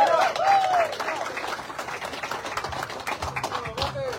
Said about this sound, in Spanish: Que pase el equipo ganador de nombre, los del Negrito. Muchas felicidades y fuerte el aplauso.